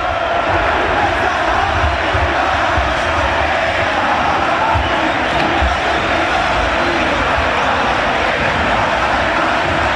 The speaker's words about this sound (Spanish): Es ensordecedor. La verdad, te eriza la piel. El griterío y la fiesta que los hinchas de Racing y de Boca nos están regalando a los presentes aquí,